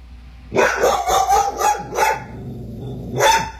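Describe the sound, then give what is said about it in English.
A dog barks loudly at something seen out the window, in a quick run of five sharp barks, then pauses briefly before letting out one more bark. No one speaks. “Anytime he sees anything out the window, the dog starts barking, waking me up.”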